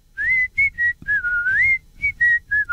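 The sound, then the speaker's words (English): A person whistles a short, wavering tune, clear, in a series of bright notes with brief gaps between them and some sliding pitch. No one speaks. “Difficult to whistle nowadays, I don't know. I used to be able to whistle.”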